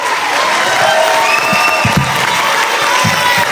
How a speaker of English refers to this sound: Let's have a round of applause for all of our panelists.